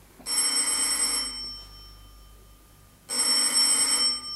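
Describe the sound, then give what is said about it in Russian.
A telephone rings with a call from a father, in two long bursts of bright, metallic bell trills separated by a pause of about two seconds, loud, with no voices. “Отец звонит.”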